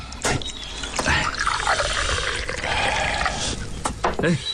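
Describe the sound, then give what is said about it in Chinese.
Liquor pours into a small cup in a steady trickle with a few brief clinks, filling a father's cup at a family meal at home, while soft background voices and household noise continue underneath. “来，请我给爹满上。”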